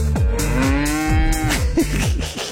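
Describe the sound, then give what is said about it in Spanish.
A cow lets out a loud, drawn-out moo, its low bellowing tone swelling and wavering for a couple of seconds before trailing off, with no talking. “Bien lentas empezaron las vacas hoy.”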